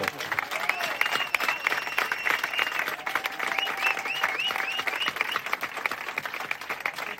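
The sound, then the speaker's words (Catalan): Sustained applause from a crowd for all the collaborators who came, dense and steady clapping that fills the whole stretch at an even, fairly loud level, with a few whistles rising above it. “Els hi volem agrair i si volem, un aplaudiment molt fort per tots els col·laboradors que han vingut.”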